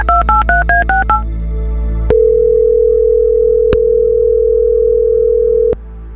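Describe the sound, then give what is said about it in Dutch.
A rapid run of about seven short telephone keypad dialing tones as a phone call is placed through the telephone fader of a mixing desk, followed by a steady line tone that holds for several seconds with a couple of faint clicks. No voices. “Dan mag je even op uw mengpaneel de telefoonschuif openzetten. Ja. Voilà. En dan ga ik voor u iemand bellen.”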